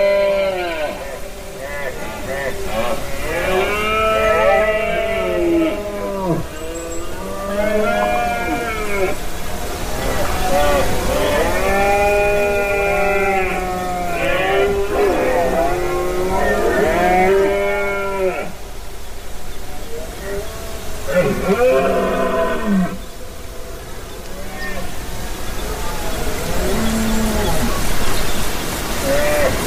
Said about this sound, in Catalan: Aquesta que escolteu és la brama dels cérvols a Beaumort, en aquesta muntanya calcària a la Conca de Dalt i al Pallars Jussà, i que s'engloba dins d'un gran parc natural que és super immens i que agafa molt del territori de muntanya, d'alta muntanya.